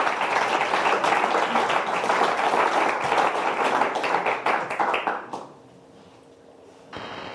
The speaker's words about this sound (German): und einen großen Applaus für ….